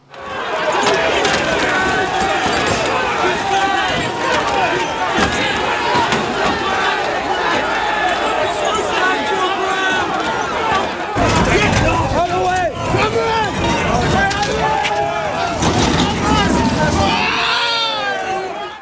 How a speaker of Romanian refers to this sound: Revoltă într-un oraș din Marea Britanie, unde sute de protestatari s-au ciocnit cu forțele de ordine după o intervenție eșuată într-un caz de crimă.